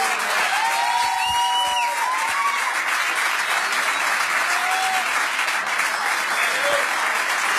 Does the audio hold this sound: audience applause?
yes